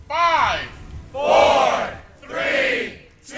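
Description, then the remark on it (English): A crowd of staff and upperclassmen cheers and whoops loudly in three rising bursts, with brief dips between each swell of voices, energetic, greeting students arriving on campus for Move-In Day at the University of Portland. “As students arrived on campus for UP's Move-In Day, they were greeted with the full hoopla. Music, cheering staff and upperclassmen, and yes, a confetti cannon.”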